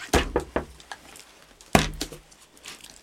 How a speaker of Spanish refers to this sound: La puerta se abrió de golpe.